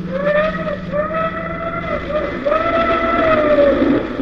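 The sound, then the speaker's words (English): An express steam train bound for Ruritania rumbles along with a steady chugging beat while its whistle sounds in long, sustained blasts, briefly dipping before sounding again, loud. “However, rather than wait for my train, which had been delayed in Parva to the north, I took the first available passage. It was, of course, the Golden Arrow, express to Ruritania.”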